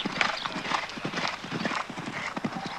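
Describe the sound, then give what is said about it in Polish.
The hooves of a ridden horse clip-clop in a steady, brisk rhythm of sharp repeated knocks, with a faint neigh-like sound and some background voices mixed in. “Puść mu swobodniej cugle.”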